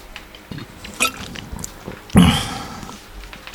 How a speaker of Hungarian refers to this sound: Csak iszom egy kortyot.